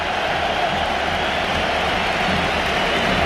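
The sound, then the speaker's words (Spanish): A packed stadium crowd gives a loud, sustained ovation during a football match double substitution, as Rodri and Dani Olmo come on for Rafinha and Marc Bernal. It is a dense unbroken roar of cheering and clapping that holds steady for a few seconds with no voices standing out. “Ovación tremenda, ¿eh?”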